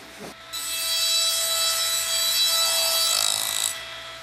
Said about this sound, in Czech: V Tyrolsku se Swarovskému daří skvěle. V továrně sviští už ne jeden, ale čtyři brusné stroje.